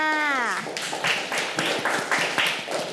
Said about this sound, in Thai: เก่งมากค่ะปรบมือให้เพื่อนค่ะ